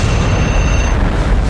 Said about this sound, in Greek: Εδώ είναι το beat the bomb. Σταμάτα το χρόνο πριν σκάσει.